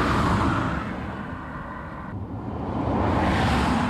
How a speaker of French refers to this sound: mais fais quand même attention aux voitures.